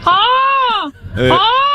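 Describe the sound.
A person imitates a peacock call with two loud, nasal wailing cries, the first long and arching in pitch, the second rising after a brief pause.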